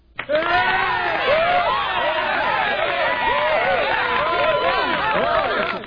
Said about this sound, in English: I feel like I should play applause for whoever won yesterday, too.